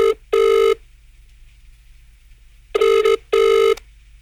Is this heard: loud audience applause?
no